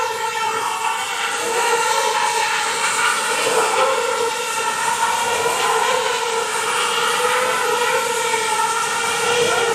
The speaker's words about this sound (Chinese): 嗯， 这小喇叭好像在告诉大家，马上就有 B 组的成员融入到表演团队中。 对，他起飞了， 两架、四架、六架起飞。